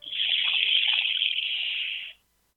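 A handheld instrument like a rain stick, bought from native people, gives a steady rushing patter that imitates flowing water. It is fairly loud for about two seconds before stopping abruptly.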